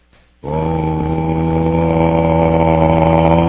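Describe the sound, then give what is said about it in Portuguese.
A cattle horn trumpet blown in one long, steady, low and buzzy note that starts abruptly after a brief pause and holds loud and unwavering to the end. “Som tão bonito, o som do berrante.”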